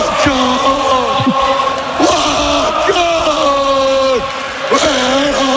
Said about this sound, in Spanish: Ahí escuchamos el grito de los seguidores del Liverpool